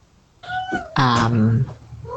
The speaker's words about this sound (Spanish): y ahí hay uno de mis gatitos que está... Se escucha. Sabe que me voy, entonces está pidiendo los últimos mimos.